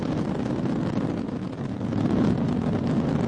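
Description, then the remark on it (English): A Falcon rocket's nine first-stage Merlin engines roar at maximum thrust of 1.7 million pounds during liftoff of the Crew 13 Dragon mission to the International Space Station, a loud, steady wall of deep rumbling noise with a hissing, crackling edge that holds without pause for the whole stretch, with no voices. “All nine Merlin engines on the first stage at maximum thrust of 1.7 million pounds.”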